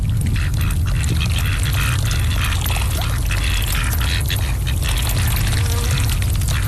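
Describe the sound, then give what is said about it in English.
Wet dabbling and slurping of ducks eating duckweed at the water's surface, a steady busy chatter of bill splashes with a soft quack or two, no voices. “Well, the thing is, if you ever see ducks on your ponds and your rivers, you're almost certainly not going to see duckweed because they absolutely love to eat it.”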